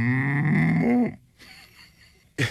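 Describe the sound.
A man's voice imitates a cow's moo: one loud, sustained, low droning call lasting about a second before dropping off, followed by quiet room noise and a brief sound at the end.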